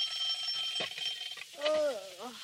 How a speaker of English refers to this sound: It's 7 o'clock. The girls are still asleep when the alarm clock rings.